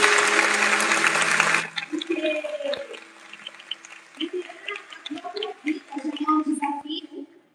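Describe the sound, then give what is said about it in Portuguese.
A loud, dense burst of audience applause for a pastor at a church fills the opening second and a half, then stops abruptly as a voice begins speaking over quieter background sound. “Mas antes, eu quero pedir uma salva de palmas para a pastora”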